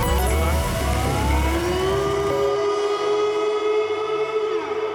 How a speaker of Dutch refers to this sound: Dan hoor je dus een alarm. Ja, een alarm. Hè. Dan hoor je dit, zeg maar.